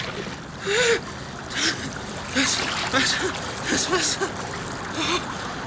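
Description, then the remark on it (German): Water splashes and sloshes in a series of short, irregular bursts, moderately loud, with faint voices and effortful sounds mixed in between, as a person is carefully lowered into shallow water at a river bank. “So, jetzt vorsichtig runterlassen.”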